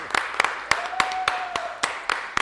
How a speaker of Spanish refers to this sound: Vamos a darle el fuerte aplauso y vamos a presentar acá en vivo en nuestros estudios